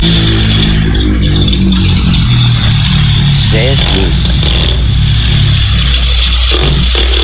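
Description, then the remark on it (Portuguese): Strong wind roars loudly and steadily, blowing dust into a house, a dense rushing noise with a deep rumble underneath, while people talk and exclaim over it. “Olha lá, olha o vento.”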